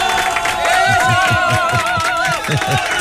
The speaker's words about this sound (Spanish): Sí, el día lunes, aplauso para nosotros, la plena.